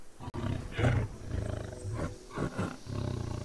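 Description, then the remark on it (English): In a forest, a tiger out in search of dinner growls low and rumbling, then lets out several powerful, loud roars, with deep bursts of sound rising and falling over a few seconds. “Till the apparent quiet is broken, first a growl, and then the mighty roar. The tiger is out in search of dinner.”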